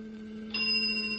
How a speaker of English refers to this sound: A moment until the bell sound.